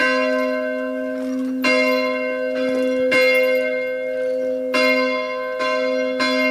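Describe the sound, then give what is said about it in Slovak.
A church bell, rung by hand by pulling a rope, tolls in a slow, steady rhythm, about four loud strikes roughly a second and a half apart, each ringing on into the next, with no talking. “No Janka, môžete si potiahnuť. Vôbec to nie je jednoduché. A zvon už počuť.”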